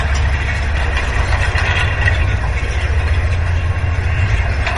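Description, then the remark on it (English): Wind-blown grass stalks brushing the lower strand of a wire fence on a very windy day, heard with an ear against a fence post: a loud, steady, deep rumbling drone with a faint scratchy hiss above it, continuous throughout with no voices. “The wind was blowing these stalks of grass against the lower strand of the wire fence.”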